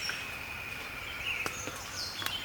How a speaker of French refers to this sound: D'autres oiseaux. C'est le chorus de l'aube.